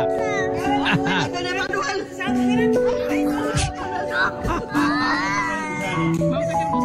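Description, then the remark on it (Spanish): A young girl cries and wails in rising, strained bursts, loud and continuous, while other voices chatter and call out around her; she is crying at seeing what she thinks is a worm in her belly from eating sweets. “Escucha esa niña como llora.”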